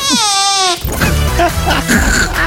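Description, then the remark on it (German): A voice makes a short, squeaky, wavering imitation of a baby's fart, lasting under a second, then people start talking right after it. “Babypups. Ein Babypups, okay.”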